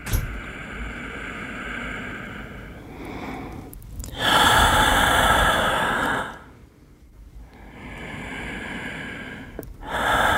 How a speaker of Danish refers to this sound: Vi trækker vejret. Helt uden at tænke over det. Menneskets åndedræt fortæller mere om os, end vi lige går og tror.